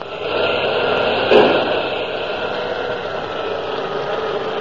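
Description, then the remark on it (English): A submarine engine drones steadily, as if straining, with a low mechanical rumble throughout and one dull knock early on as the propeller, fouled by seaweed, churns in reverse at full speed astern. No voices. “The engine room reports the propeller still fouled, sir. It turns, but as if something was holding it back.”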